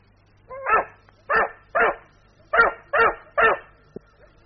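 A dog barks six times in two quick groups, sharp, with short pauses between the barks and a low steady hum in the background.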